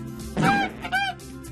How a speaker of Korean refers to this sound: 우리가 찾던 울음소리의 주인공을 찾았어. 울음소리의 주인공은 거위였구나. 거위.